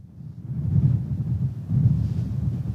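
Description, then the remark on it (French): Strong wind roars in heavy, low rumbling gusts on a plateau at Montfort-sur-Argent, buffeting loudly and continuously with surges that swell and ease every second or so. No one speaks. “on voit aussi du vent, le vent souffle fort sur place.”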